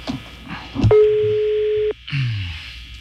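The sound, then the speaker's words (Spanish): A phone call is placed and the line rings once: a steady, mid-pitched electronic tone holds for about a second, then cuts off, with faint murmuring and background noise around it. “Está sonando el teléfono de este tazo dorado.”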